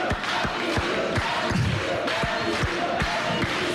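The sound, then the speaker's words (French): A large audience applauds and cheers loudly, a dense wash of clapping and shouts with a steady rhythmic thumping beat underneath, like feet stomping or clapping in time. “Alors, on peut l'applaudir quand même”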